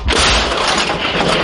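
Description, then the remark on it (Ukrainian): A single loud artillery gun shot, fired by a gun crew near Dobropillia to stop an assaulting enemy infantry, with a heavy booming blast that rolls into a long, deep rumble filling the whole moment. No voices are heard. “Постріл!”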